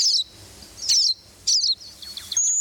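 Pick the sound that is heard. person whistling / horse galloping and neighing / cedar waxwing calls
cedar waxwing calls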